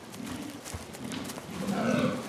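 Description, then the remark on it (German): Deep, rough groaning calls of rutting fallow deer stags at a rutting ground in mating season, large 80-kilogram stags with broad palmate antlers calling to impress females, repeated three times in a low, hoarse, bellowing tone that grows slightly louder toward the end, with no voices present. “Mit rauen Rufen versuchen sie, Weibchen zu beeindrucken.”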